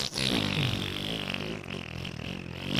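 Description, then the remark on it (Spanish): A voice imitates a long fart with one continuous, buzzy, wet raspberry that stays loud and steady for nearly three seconds, with no talking alongside it, mimicking the long gas passed after eating a palmera pastry before bed. “Me como mi palmera, me voy a la cama, uff, ya los gases salieron, pero pedos como nunca. O sea, en plan...”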